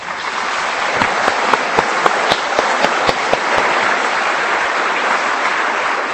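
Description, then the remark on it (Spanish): A steady round of warm applause from a crowd welcoming visitors, dense and sustained for several seconds, with a few sharper claps standing out early on. No one speaks over it. “Por lo pronto les damos una bienvenida bien fuerte con un aplauso caluroso.”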